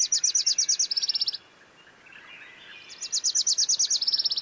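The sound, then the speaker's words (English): A Wilson's warbler sings twice, each song a rapid series of bright, high chips that speeds into a faster chatter, with a brief pause between the two songs. Clear, no voices. “Young male warblers, fledged in June or July, have been learning their father's songs all summer.”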